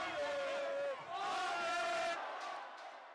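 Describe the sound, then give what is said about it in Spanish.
A loud crowd of Spanish football fans in national team shirts cheers and shouts, celebrating Spain's win over Portugal, with raised voices overlapping in a sustained roar for about two seconds before it drops to a softer murmur. “El triunfo ante Portugal ha desatado la alegría en todos y cada uno de los aficionados ataviados, como ven, con la camiseta nacional.”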